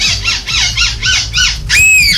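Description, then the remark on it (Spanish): A person imitates a seagull's cry at a seagull-call imitation competition in Belgium: five quick, rising-and-falling squawks in a steady rhythm, then a longer, shrill, sustained wail, over a low rumbling background. “Son imitadores del graznido de las gaviotas.”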